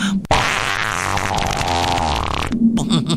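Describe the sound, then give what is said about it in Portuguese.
A loud, drawn-out cartoonish fart blasts for about two seconds, buzzing and wobbling in pitch before cutting off abruptly, followed by a brief quieter tail. “Só se for com um grande pum.”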